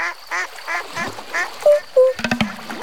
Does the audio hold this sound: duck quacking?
yes